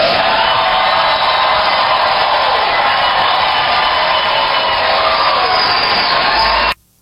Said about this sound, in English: When Ketanji Brown Jackson makes these kinds of statements, all you get is this kind of cheering, this kind of lemming stuff of, oh, she's so brave, oh, she's so right, oh, she's the only one who cares.